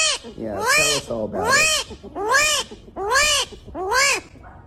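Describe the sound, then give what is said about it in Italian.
An armadillo calling: five loud, whiny squeals in a steady rhythm, each rising and then falling in pitch, with short pauses between them. “Signori, questo verso qui lo emette l'armadillo, quindi risposta A.”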